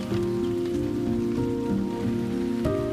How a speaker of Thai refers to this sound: ฝนตกเป็นหนึ่งในปรากฏการณ์ธรรมชาติที่มนุษย์ควบคุมไม่ได้แต่ไม่ใช่อยากตกเมื่อไหร่ก็ตกฝนที่ตกแถวป่าดิบเขาทำงานสอดคล้องและเชื่อมโยงโดยตรงกับความชื้น